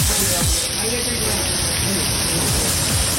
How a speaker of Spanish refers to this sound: Llueve en Villacafé, a esa hora, reporte de sintonía en Villacafé.